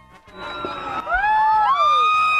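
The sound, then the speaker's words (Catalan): A sound recorded by the IB3 Ràdio social media team: a loud, sustained wall of high-pitched screaming from a large crowd, many voices shrieking at once and swelling in intensity after a brief rising start. “La gent cridava a les totes, ara ho han sentit.”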